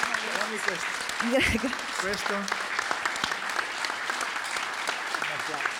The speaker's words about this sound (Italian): Un bel applauso!